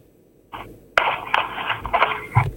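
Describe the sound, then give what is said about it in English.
Several harsh coughs from a caller come through a thin, tinny phone line in quick, irregular bursts, fairly loud, with no talking in between. “Sorry, I can hear you are coughing.”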